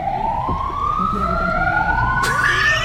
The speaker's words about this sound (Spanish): Y ahí se escuchan las sirenas. Acá se escuchan las sirenas. Acá. Claro, acá. Esas sirenas no son de la imagen.